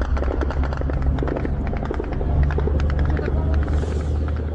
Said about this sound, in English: Those are the sounds of Ukrainian drones as they hit targets in Russia, and we are seeing and hearing a lot more of that.